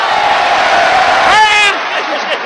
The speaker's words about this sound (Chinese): 听见了吗？听见了没有？ 这什么？这是掌声，是欢迎我的，对不对？